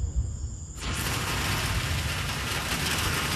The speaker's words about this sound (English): All right. Here's the rain. Ooh. It is coming down like crazy. Holy moly. Wow.